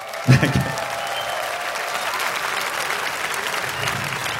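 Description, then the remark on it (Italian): Steady audience applause at a concert, introducing a band performing the music of a band: a dense wash of many hands clapping at an even level throughout, with a couple of louder claps and faint cheering near the start. “Let me hear an applause”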